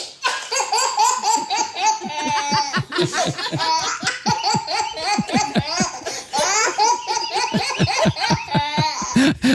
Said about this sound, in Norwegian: På andre plass på topp tre-lista over babylattere, en latter som faktisk er kåret til Norges beste babylatter.